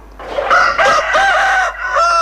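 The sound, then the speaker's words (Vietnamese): A rooster crows loudly at dawn, one long drawn-out cock-a-doodle-doo with a harsh, wavering tone, heard on its own with no talking. “Tiếng gà gáy báo hiệu bình minh cũng là lúc mẻ bánh nóng hổi được vớt ra lò để kịp giao cho khách.”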